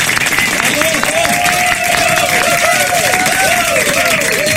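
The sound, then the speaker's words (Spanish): An audience applauds loudly and steadily, dense clapping running the whole stretch, with cheers and rising-and-falling whistled tones mixed into the crowd noise. “Hágame usted el favor, fuerte el aplauso, por favor.”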